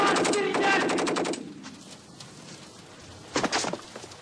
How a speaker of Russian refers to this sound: Сквозная автоматная очередь с той стороны убивает обоих.